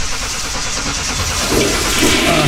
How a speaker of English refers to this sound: Hey, thanks for taking a look at my car so quickly. Okay, start it up.